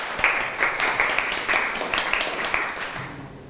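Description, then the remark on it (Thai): A group of children in a class clap for a classmate who answered, a quick, uneven patter of many overlapping claps, steady and moderately loud for a few seconds without any talking. “ในข้อที่1คะเชิญค่ะปรบมือให้เพื่อนหน่อยค่ะ”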